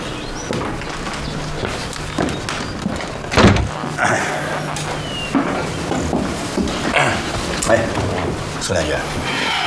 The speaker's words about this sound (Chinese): 请你回避一下，把门关上。 行，得嘞。